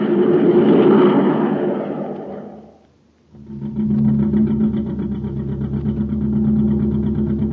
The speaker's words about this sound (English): what kind of jet jalopy are we riding in, Captain Tufeld? We'll never get to Terra City at this speed